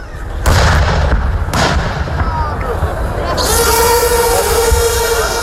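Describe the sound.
Two heavy artillery booms land about a second apart over a constant low rumble, followed by a steady mechanical engine drone, with a voice talking underneath; artillery fire during a military exercise and display at Jarun.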